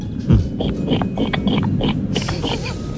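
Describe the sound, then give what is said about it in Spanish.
A person imitates a pig, making a quick series of rough, snorting oinks and grunts, fairly loud, with a steady background hum underneath. “Bueno, pues yo sé imitar a la gallina y al cerdo. Ah, pues empecemos por el cerdo, ¿por qué no?”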